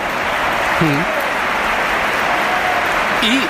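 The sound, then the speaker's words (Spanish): A big crowd at the Bernabéu stadium, during Real Madrid against Real Oviedo, applauds Gonzalo coming on as a Real Madrid substitute, in a dense, steady wash of clapping that fills the whole stretch, with a voice briefly cutting through the noise. “Aplausos.”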